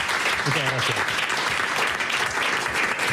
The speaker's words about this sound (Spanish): Un aplauso para ti también.